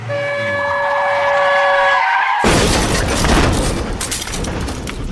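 A car crash sound effect for a car running over a little girl on her way home from school: a steady, high-pitched screech or horn for about two seconds, then a sudden loud impact that breaks into a long burst of crunching, shattering noise.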